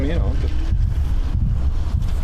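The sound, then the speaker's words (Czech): A deep, continuous rumble from explosives blasting in an exploratory tunnel in Brno, dug for a tunnel of the city ring road, loud and low-pitched, rolling steadily for the whole clip, with a brief voice at the start and some wind-like noise. “Komentuje zvuky z podzemí při výbuchu šéf brněnského závodu ředitelství silnic a dálnic”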